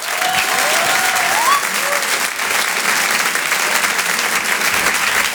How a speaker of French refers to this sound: Je vous demande de l'applaudir très fort pour cet Open du Rire.